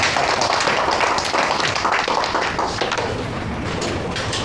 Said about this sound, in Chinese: 好， 好， 来，鼓掌欢迎。